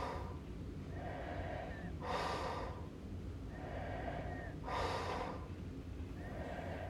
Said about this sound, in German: Dies ist ein Grenzfall von Schnarchen, denn das vollklingende, im Schlaf erzeugte Schnorcheln, Krächzen, Schaben oder Würgen ist hier sehr schlecht ausgeprägt. Der Kenner hört hier höchstens einen Ansatz von Zischen heraus.